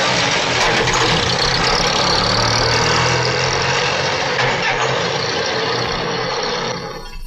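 A car engine starts and runs loudly and steadily as the car drives, a low rumble with a broad wash of mechanical noise and no voices, easing off slightly in the final moment.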